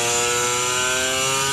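A 250 twin-cylinder two-stroke motorcycle engine revs at high RPM, giving a loud, buzzing, shrill whine that holds steady with a slight rise and fall in pitch. No voices are heard.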